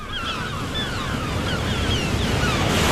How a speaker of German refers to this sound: Und jetzt wollen wir schweigen und lauschen auf das Meer, das seine Wellen über den Sand rollt, lauschen den Wind, der durch die Gräser pfeift.